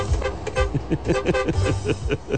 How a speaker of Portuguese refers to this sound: Pensa na buzina do caminhão, cara, do Divan, cara. Aí, ó. Escuta aí, viu, seu Pelego Velho. Morre de inveja.